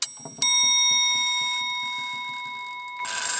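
A small hammer strikes the bell of an old, no longer working Prague-made clock once, loud, leaving a bright metallic tone that rings on and slowly fades, with faint rhythmic mechanical clicking of the clock's movement underneath.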